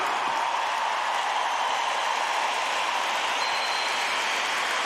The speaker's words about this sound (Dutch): En geef een waanzinnig applaus voor het orkest van vandaag, ….